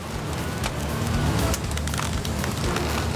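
A heavy bus engine rumbles loudly and steadily as it revs under load while the bus is driven carefully up a ramp with a 1.5-metre rise, with rough crackling noise and occasional sharp clatters layered over the deep drone.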